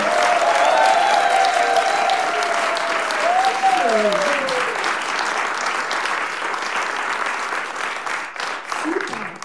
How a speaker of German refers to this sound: Großen Applaus für Isabella Archan.